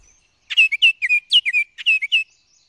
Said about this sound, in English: male orioles are also looking to get busy, in every sense. Listen for their ever-cheerful song anywhere with some deciduous trees right now, especially near water.